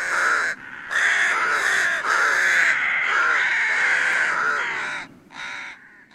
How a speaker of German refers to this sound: Leichter Schnee sozusagen auf Park und Landschaft liegend und dazwischen dann immer diese schwarzen Tupfer mit so seltsamen weiß-grauen Schnabelgrund. Das sind Saatkrähen und die kommen im Winter vor allen Dingen.